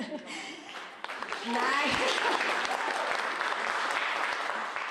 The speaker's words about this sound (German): Nein, die verdienen die Applaus, die Tänzer.